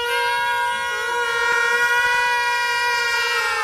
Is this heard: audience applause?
no